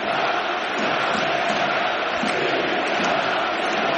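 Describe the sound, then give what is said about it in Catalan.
A large stadium crowd at a Barça football match chants the independence cry in unison, with estelada flags in the stands around minute 17, a dense, steady roar of massed voices that stays loud and unbroken for the whole stretch, with no commentary over it. “Es recupera el crit d'independència. Amb estelades a la grada.”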